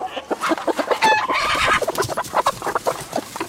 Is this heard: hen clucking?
yes